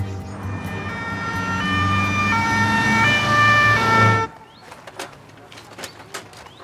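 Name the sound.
ambulance siren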